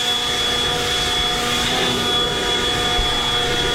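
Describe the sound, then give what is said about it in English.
A landscaper's leaf blower runs steadily in Boston, a loud, unbroken engine roar with a thin high whine on top and a rushing, windy hiss, holding the same level throughout with no voices. “It was a dude with a leaf blower.”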